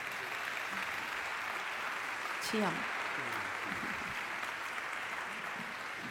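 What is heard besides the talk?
audience applause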